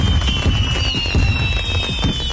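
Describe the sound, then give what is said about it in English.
Fireworks crackle and pop in a dense, continuous barrage, with low booming thuds and a thin high whistle running through, loud with no voices. “Bolino Fireworks, celebrating freedom, family, and fireworks for generations.”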